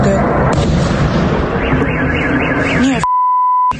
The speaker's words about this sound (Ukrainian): Не тихою ніч була у жителів Ярославської області. Її атакували дрони. У Ярославлі пролунало близько 20 вибухів. Гепало так, що місцеві жителі не могли заснути.